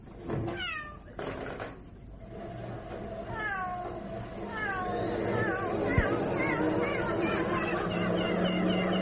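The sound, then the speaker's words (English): A cat meowing and yowling sound effect: rising and falling cries repeat and overlap in a loud, chaotic jumble with a busy background, one sharp thud partway through. “I'd just like to say, no animal was harmed in the making of that sound effect.”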